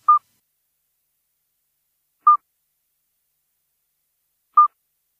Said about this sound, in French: Mais attention, on peut confondre le chant du petit duc d'Europe avec celui du crapaud accoucheur que l'on écoute là.